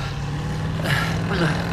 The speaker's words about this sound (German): Das war ein Chevrolet Bel Air. Na, wenigstens wissen wir jetzt, was er für ein Auto fährt.